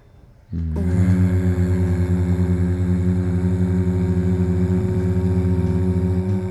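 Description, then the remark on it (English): A person hums during a breathing exercise, with the mouth open, a single low, buzzy note that starts after a brief quiet moment and holds steadily to the end, rich in overtones with a faint rhythmic throb, almost engine-like. “Try to hum again.”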